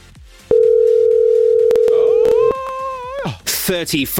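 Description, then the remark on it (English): A loud, steady electronic telephone tone holds for about two seconds as a contestant's phone is rung in a cash prize game. It is prominent, with people talking before and after it and a brief burst of bright noise near the end. “The moment the phone starts ringing, the cash starts counting down.”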